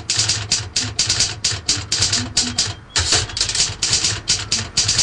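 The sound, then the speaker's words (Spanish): Rapid, continuous clatter of fast typing on a computer keyboard, keystrokes running together in dense bursts with a brief pause partway through, loud over a faint low hum. “Bueno, hijito, ahí vamos aprendiendo a tocar el teclado.”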